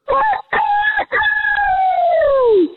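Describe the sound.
A person's voice imitates a rooster crow loudly: two short choppy bursts, then a long drawn-out note that slides downward and fades.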